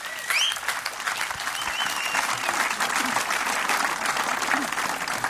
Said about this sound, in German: Ein Applaus für euch.